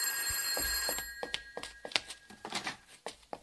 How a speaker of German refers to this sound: Telefon